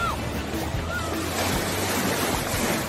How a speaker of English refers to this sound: Oh, here comes the big wave.